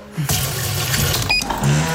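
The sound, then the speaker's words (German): Water pours steadily from a tap into the empty water tank of a coffee machine, a continuous splashing with light plastic clatter and a brief high electronic beep partway through. “Wassertank leer.”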